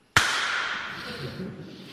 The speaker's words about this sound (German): Bei diesem Stück gibt es dann sogar eben auch noch das tragische Ende. Mit diesem Instrument, der sogenannten Peitsche.